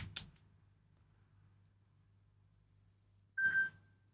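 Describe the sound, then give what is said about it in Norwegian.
A telephone gives one short electronic ring, a bright, fairly loud tone burst near the end, preceded by a faint click over a steady low hum; a caller phoning in during a radio bingo game. No one speaks. “Det ringer, det ringer.”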